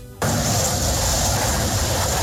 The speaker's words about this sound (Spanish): Lo que escuchan son los sobrevuelos de los aviones Cafir, esos que están en el dispositivo de la policía, la fuerza pública, la Casa de Nariño, para intentar retomar el control después de la amenaza de un paro armado